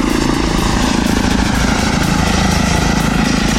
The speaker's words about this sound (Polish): No, w porównaniu do helikoptera jest mega cichy. Tak, zdecydowanie to jest główna zaleta samolotów elektrycznych